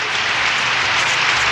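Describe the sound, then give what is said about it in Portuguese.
Sustained applause from a crowd, called for by the host of a program on Difusora, the city's station; a dense, steady wash of clapping at fairly loud, even volume throughout, with no voices standing out. “Mais palmas.”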